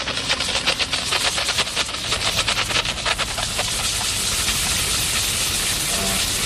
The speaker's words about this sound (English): And what we do is turn on the steam button. We place the steam right on the gum and inject the chemical and motion.